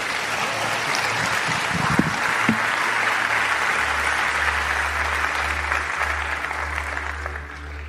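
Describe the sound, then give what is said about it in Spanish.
A church audience applauds God loudly and steadily, dense clapping filling the whole clip with no voices over it, while a low sustained hum runs underneath before the clapping thins slightly at the end. “Dan un aplauso fuerte a Dios.”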